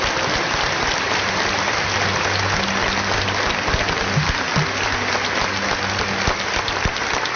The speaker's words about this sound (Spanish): El aplauso al Señor que retira.